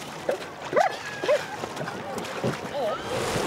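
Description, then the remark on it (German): Hope, a female dog being worked in the water for rescue tasks, whimpers in short, rising whines mixed with a few sharp yelps, over a steady backdrop of sloshing water and a faint outdoor hiss. “Warum Hope allerdings nicht allein ins Wasser springen wollte, weiß der Himmel.”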